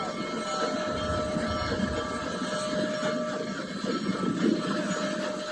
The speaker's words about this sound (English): All right, so I'm seeing Lake George. There's the train. It's crossing over the bridge.